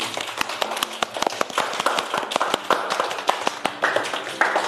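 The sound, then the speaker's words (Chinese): A small crowd, including children, claps steadily for several seconds to welcome a lantern-craft (灯彩) heritage master, sharp overlapping hand claps forming a lively burst of applause with no talking. “那我们用热烈的掌声来欢迎一下”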